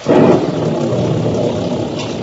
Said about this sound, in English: Squall engulfed us now. The rain was blinding when one couldn't tell where it ended and the ocean began.